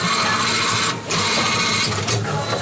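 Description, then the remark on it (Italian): A Coripet bottle compactor machine, activated with the Coripet phone app, runs with a steady, loud mechanical whir and rattle, briefly dipping twice as empty bottles are inserted to be recycled. No one speaks. “Ma io uso l'app di Coripet sul telefono e il compattatore si attiva. Poi inserisco le bottiglie vuote in questo modo qua.”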